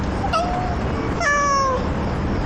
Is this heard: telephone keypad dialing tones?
no